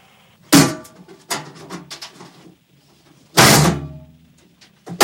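Heavy metallic thuds and rattling as the stuck, locked door of a cage is yanked at repeatedly, with a loud jolt near the start, scraping in between, and another forceful bang a few seconds later.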